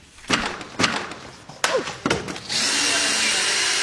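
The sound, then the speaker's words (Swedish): Several sharp wooden bangs and knocks ring out in quick succession, then a power drill whines steadily, continuing to the end, as the Liberal party's election pavilion is torn down at Mälare torg on Ekerö, outside Stockholm, by councillor Fredrik Ols and party secretary Alexander Lindahl Hageby. “På Ekerö utanför Stockholm är det med bitterljus smak i munnen som det där valbåset rivs.”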